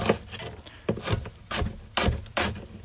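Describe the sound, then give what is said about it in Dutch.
A knife slices through red onion on a cutting board: about half a dozen crisp, crunchy cuts, each ending in a dull wooden knock, in a steady unhurried rhythm with no talking. “De venkel is gesneden, dan pakken we wat rode uien. Die gaan we dan ook lekker in plakjes snijden.”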